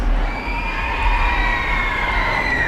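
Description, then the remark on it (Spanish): A large crowd of the public, who had been waiting for hours since early morning at La Seu in Barcelona, roars and cheers continuously, a dense wash of many voices shouting at once, with rising and falling cries carrying through the steady din. “Esos son los gritos,”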